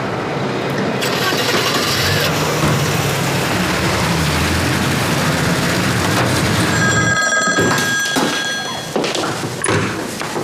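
An old-style telephone bell in the command dispatch room rings unanswered in one brief, shrill burst over a loud, dense wash of background noise, with a few heavy thuds around it.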